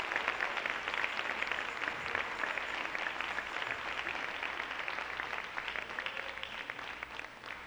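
An audience applauds the Lord steadily, many hands clapping in a dense, continuous patter that holds at an even level for several seconds with no voices rising above it.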